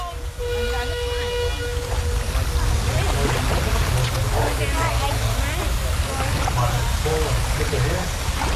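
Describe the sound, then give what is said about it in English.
Steady outdoor ambience beside the Murray River in the Riverland, Australia: a continuous low motor rumble of a boat with rushing, splashing water, a brief humming tone at the start, and busy chirping textures throughout. “Well, I'm not on the Murray. I'm by the Murray. In the Riverland.”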